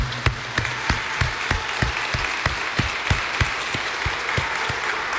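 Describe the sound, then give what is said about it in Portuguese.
A crowd at a sanctuary applauds Our Lady (Nossa Senhora) at the end of a consecration prayer, steadily, with many hands blending into a dense wash and a few sharper, regular claps standing out in a quick rhythm throughout. “Uma salva de palmas a Nossa Senhora, que ela merece.”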